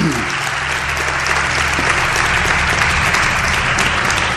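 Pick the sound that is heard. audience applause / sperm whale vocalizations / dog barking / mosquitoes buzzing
audience applause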